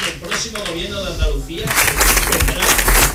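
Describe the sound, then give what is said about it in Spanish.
During a political speech by Manuel Gavira of Vox celebrating the party's result in Andalusia, a man's voice speaks through an amplified system, then a loud burst of crowd applause rises and keeps going, dense and crackling, with his voice still faintly underneath. “Le está costando, como decía, dar su discurso porque no sí. paran de interrumpirle los aplausos.”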